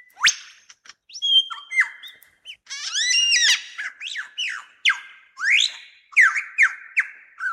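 A male superb lyrebird sings in a forest in Australia, a rich, rapidly changing stream of loud whistles, chirps and descending notes, close by and continuous, with phrases that vary almost constantly and no voices.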